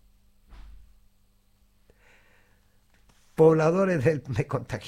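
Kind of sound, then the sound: household object, door being closed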